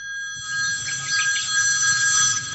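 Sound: telephone bell ringing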